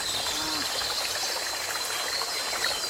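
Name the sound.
river stream flowing water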